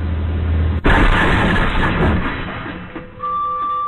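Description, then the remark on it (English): A low rumble gives way to a sudden, violent crash of metal and breaking glass as an empty San Francisco train, its operator nodding off at the controls, crashes into another train, shattering both trains' windshields; it rattles on for a second or two, then fades into a steady high-pitched tone. “Shocking video has been shared online showing a San Francisco train operator nodding off at the controls just seconds before the train crashed into another train.”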